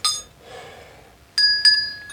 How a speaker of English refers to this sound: Now this one also has patterns on it. This is a deeper bell, bigger. Oh god, that's loud.